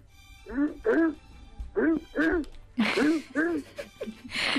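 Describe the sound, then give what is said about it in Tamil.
On a Madurai FM radio programme, a caller's voice imitates a morning mobile phone alarm with a series of short, repeated sung beeps in rising and falling pitch, about ten bursts in a steady rhythm, some clustered in pairs, fairly loud. “இப்ப நம்ம காலைல அலாரம் வச்சிருப்போம்ல போன்ல, அந்த சவுண்ட் எப்படி இருக்கும் அதே மாதிரி செஞ்சு காட்டுங்க பாக்கலாம்.”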